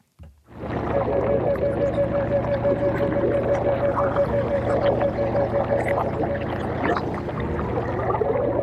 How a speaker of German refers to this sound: Also du hörst das Gluckert richtig. Das sind auch Unterwasseraufnahmen aus Mooren, Röhrichten und Bruchwäldern im Spreewald.